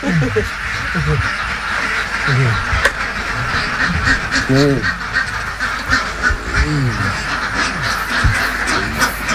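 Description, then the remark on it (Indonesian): Many egg-laying ducks in a pen that typically holds about 1,000 ducks quack in a noisy, overlapping chorus, with repeated harsh calls throughout and a steady background hum beneath them. “Selanjutnya bebek akan mengalami fase copot bulu dan setelah tumbuh bulu, bebek akan kembali produktif bertelur selama kurang lebih 5 bulan.”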